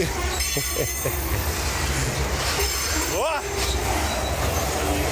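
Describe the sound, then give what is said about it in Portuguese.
A train rumbles steadily along the tracks as it passes on a curve, with a brief rising metallic squeal from the wheels partway through, while a man exclaims briefly over the continuous noise. “Ele tá indo bem em direção do trem, ele tá indo na direção do trem e o trem tá passando na curva de nível lá.”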